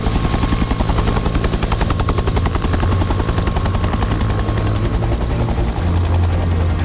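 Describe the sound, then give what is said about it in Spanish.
A firefighting helicopter flies overhead about 15 metres from flames at a fire, with smoke obscuring the horizon, about to drop thousands of litres of water; its rotor blades beat a rapid, steady chop under a loud engine whine that holds constant throughout, with no voices. “Volar apenas, están escuchando un helicóptero a 15 metros de unas llamas, con el humo borrando el horizonte, con unos segundos para decidir dónde descargar miles de litros de agua.”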